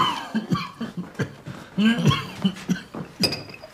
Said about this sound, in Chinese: 没事，最近老咳嗽。